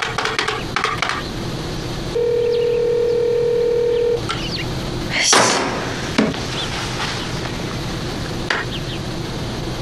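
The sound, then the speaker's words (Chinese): A phone call to the caller's second elder brother rings out with one steady, two-second electronic ringback tone while nobody picks up, surrounded by light clicks and clattering, with no voices. “他咋这会儿不接电话呢？”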